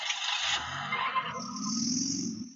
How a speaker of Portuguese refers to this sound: Vamos acompanhar um vídeo, né? uma matéria que nós fizemos hoje lá na Trizidela, para você ver como é que está o trânsito ali no cruzamento da rua Marcos Rocha com a Avenida Cristóvão Colombo.